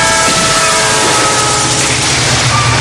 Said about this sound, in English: Expect trains. Any time, any direction.